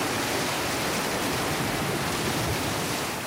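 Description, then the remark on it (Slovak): A stormy sea surges in a dense, continuous roar, the waves washing together into one loud, steady rush that fills the whole moment with no voices present. “V okamihu sa strhla strašná búrka. Obrovské vlny stiahli Ježibabu do mora”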